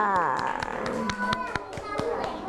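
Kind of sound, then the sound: crowd, children clapping hands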